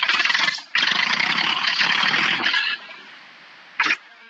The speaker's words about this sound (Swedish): Det är svårt att säga för de som inte har hört någon gång, men jag vet inte om det hörs i radio, men jag ska starta traktorn för jag sitter nu, jag är på väg.